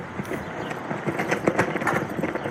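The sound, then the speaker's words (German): A US flag flaps and snaps in gusty wind in Goffs, a former railroad settlement on Route 66 in California's Mojave Desert, with quick, irregular bursts of fluttering cloth over a steady, moderately loud rush of air and no voices. “Eine US-Flagge knattert im Wind in der kalifornischen Mojave-Wüste.”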